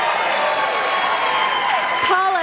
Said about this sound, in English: A surprising number of fans of the radiation oncology nurse profession. Woo! That's actually the biggest clap I've ever seen for a single profession in the history of this show.